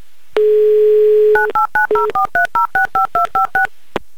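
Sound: telephone number being dialed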